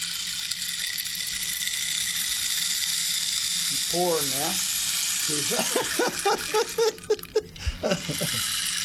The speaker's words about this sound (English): I'll play the rain stick.